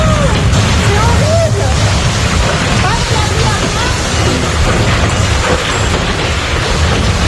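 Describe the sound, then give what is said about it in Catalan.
Tornado winds near Carcassonne in southern France, close to the border with Catalonia, roar loudly and continuously, a dense, rumbling rush of air with heavy low-end buffeting, while faint voices can be made out beneath the din. “Això que sentiu és un tornado.”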